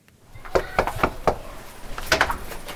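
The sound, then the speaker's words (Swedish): Four firm, evenly paced knocks rap on a front door as Miljöpartiet (the Swedish Green Party) canvasses a row-house area in Gottsunda, Uppsala, during an election campaign. A moment later comes a short flurry of sharper clicks and taps over a low background hiss. “Miljöpartiet knackar dörr i ett radhusområde i Gottsunda.”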